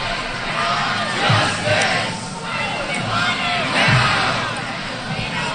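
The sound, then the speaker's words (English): A large crowd of protesters shouts in unison outdoors in the center of the Cornell University campus in upstate New York, rhythmically chanting "Shut it down," slogans rising and falling repeatedly over a dense wash of many voices, loud and sustained throughout. “Protesters shouting, "Shut it down," as they jammed it into the center of campus, protesting the Ivy League's handling, university's handling of an allegation at gang rape at a fraternity house.”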